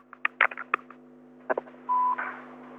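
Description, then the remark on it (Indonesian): A rapid series of telephone keypad tones dials a number in short bursts as the Pro Dangdut radio show takes a listener phone call, then a steady ringback tone sounds briefly before the line connects, with a faint constant hum underneath. “kita belok lagi ke telepon kita siang hari ini di 632336”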